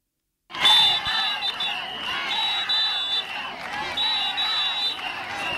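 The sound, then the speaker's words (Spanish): A crowd of about 250 health workers protesting at the doors of the Hospital Universitario de Melilla at midday shouts and chants together in a loud, sustained roar, voices rising in rhythmic waves with a shrill whistle-like tone cutting through repeatedly; chants include "Ingesa abusa" and calls for the management's resignation. “Con los gritos de Ingesa abusa o a esta dirección se le pide dimisión, que han llegado hasta las calles aledañas al centro, unos 250 sanitarios se han concentrado para mostrar su rechazo a la imposición”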